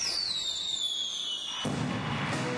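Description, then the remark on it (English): A firework whistles with a steadily falling pitch, then bursts into a loud boom followed by a sustained crackling rumble, with no voices. “The Faber Area Fireworks Committee will be celebrating America's 250th birthday at dark between 9:30 and 10 tomorrow night in the Faber City Park at the soccer field.”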